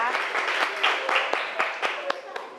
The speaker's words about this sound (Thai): ถูกไหมคะทุกคนปรบมือให้เพื่อนหน่อยนะคะ